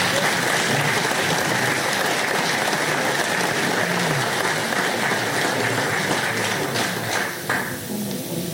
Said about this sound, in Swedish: En applåd till er.